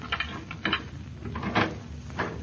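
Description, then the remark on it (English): A key rattles and clicks in a lock, followed by the scrape and thump of a front door being opened, a few short bursts of noise over about two seconds with no talking. “No, we'll just use our key.”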